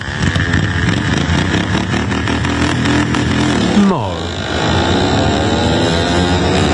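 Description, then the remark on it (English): Loud, buzzing small engines of ride-on lawnmowers, modified to reach around 60 km/h, roar continuously as they race around a dirt track at the All-Australian Lawnmower Racing Championships in Yamba, central Queensland; one revs and sweeps sharply down in pitch as it passes, with others droning steadily behind. “Instead, ride-on mowers have been modified to reach speeds of around 60 kilometres an hour to race around a dirt track.”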